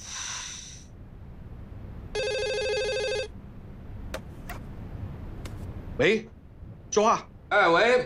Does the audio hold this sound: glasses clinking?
no